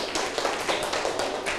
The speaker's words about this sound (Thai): เพื่อนตอบถูกไหมถูกปรบมือให้เพื่อนด้วยครับสุดยอด